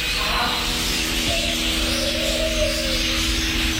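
A dense, steady chorus of birds chirping and singing together in the Canberra Walk-in Aviary at Gold Creek Village, Nichols, home to 60 bird species in 1,000 square metres of sanctuary, with many calls overlapping into a continuous bright wash and no one talking.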